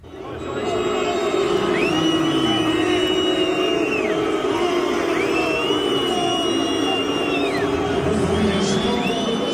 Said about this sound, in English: Many World Cup fans are booing midway through the 45-minute halves. That's because they're opposing FIFA's newly introduced hydration breaks.